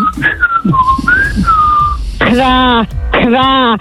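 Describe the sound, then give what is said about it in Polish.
A person whistles a short, sliding bird-like call, followed by two louder, buzzy vocal bursts that mimic a bird's cry, offered as a rooster-style 'kukuryku' morning wake-up call, with no other speech. “Jedzie do pracy i chciałam tutaj kukuryku. Może za gwizdę.”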